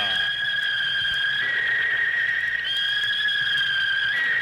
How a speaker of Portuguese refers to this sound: tá parado o lance, tá marcada a falta aí não, vai acabar o árbitro, vai apitar o fim do primeiro tempo. Acabou. Fim de papo na primeira etapa.